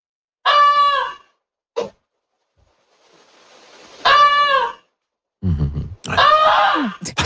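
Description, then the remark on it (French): A family's domestic goose, alerting to a fire in the barn behind the house, gives loud, harsh honking alarm calls in several bursts: long nasal honks, a short clipped one, then lower grunting notes before a final drawn-out, strained honk, with hissy noise in between. “On va écouter ça ressemble à quoi une oie qui vous dit qu'il y a un feu chez vous.”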